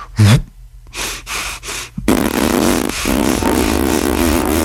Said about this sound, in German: Ich puste meine Backen auf, so ganz dick. Und dabei kann ich weiteratmen. Und dann drücke ich die Luft mit so einem Pupston aus den Wangen raus, während ich weiteratme.